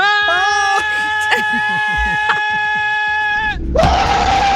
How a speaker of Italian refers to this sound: Questo cos'è? L'esorcista. È una frenata quella.